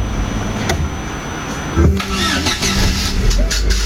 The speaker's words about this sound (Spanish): Le estás dando arranque y no arranca. ¿Cómo que no arranca? ¿Eh? A ver si arranca o no arranca, chicos. ¿Arranca o no arranca? A ver.